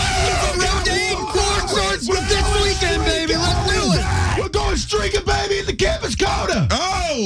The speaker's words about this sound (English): On the count of three, we going to yell like hell, baby. 1, 2, 3.